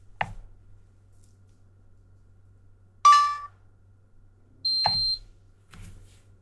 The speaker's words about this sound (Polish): I teraz słuchawka zaczęła piszczeć i możemy ją zdetektować. Będzie piszczała tak długo, aż do niej nie trafimy i nie naciśniemy na niej klawisza który służy do odbierania połączeń, bo trochę o słuchawki jeszcze tak za dokładnie nie opisałem.